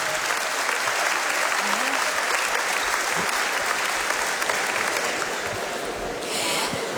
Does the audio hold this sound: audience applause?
yes